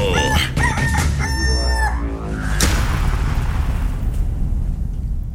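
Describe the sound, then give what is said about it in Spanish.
A rooster crows loudly, one long strained call lasting a couple of seconds, then gives way to a steady rushing, rumbling noise that fills the rest. “De aquí sale el mejor gallo.”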